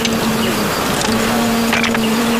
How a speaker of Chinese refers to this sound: 果然有一窝不？蛮大啊，这窝。好大的蜜蜂声音，嗡嗡的。